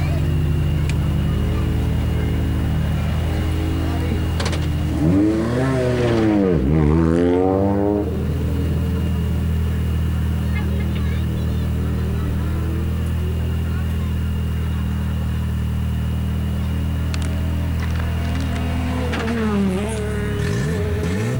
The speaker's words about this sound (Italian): Lasciamo parlare anche le immagini, il suono del motore.